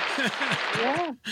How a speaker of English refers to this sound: Give me the applause for that.